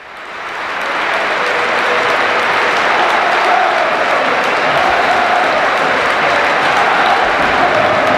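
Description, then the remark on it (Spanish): A huge crowd at the Bernabéu stadium in Madrid applauding Dani Carvajal in a dense, steady roar of clapping that swells in over the first second and then holds loud and unbroken to the end, with no talk on top. “Madrid, aplaude Dani Carvajal.”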